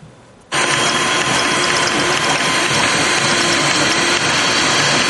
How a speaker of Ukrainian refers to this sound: Шар за шаром принтер вже четверту годину друкує кріплення для дронів.